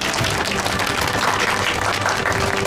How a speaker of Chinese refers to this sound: 来，大家鼓掌。